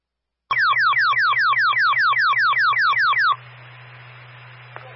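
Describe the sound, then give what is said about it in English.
A loud fire dispatch alert tone of rapid, repeating falling electronic sweeps, about a dozen in three seconds, gives way to steady radio static with a low hum; the tone alerts Heartland Fire to a fire alarm activation on Route 12 in Heartland. “Tone is for Heartland Fire, responding 138, Route 12 in Heartland.”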